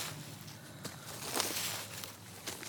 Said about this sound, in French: Des feuilles ratissées.